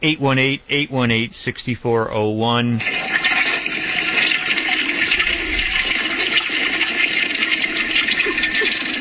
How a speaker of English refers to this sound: She just flushed a tick.